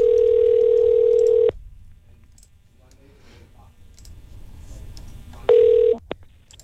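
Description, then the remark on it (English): A steady telephone dial tone hums for about a second and a half, gives way to a stretch of quiet line noise with faint clicks, then the tone returns briefly before a short dialing beep, as radio station the Eagle 93.5 calls a listener on the phone lines to pick a contest winner. “Let's get to the phone lines.”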